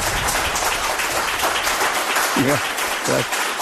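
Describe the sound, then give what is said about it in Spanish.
An audience on the show Espacio en Blanco applauds steadily throughout to welcome a guest, a dense, sustained wash of many hands clapping, with a couple of brief voices calling out over it toward the end. “Pido un aplauso de la gente que está aquí.”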